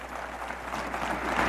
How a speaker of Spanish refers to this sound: Un aplauso a nuestra Madre María. Dale ese aplauso más fuerte.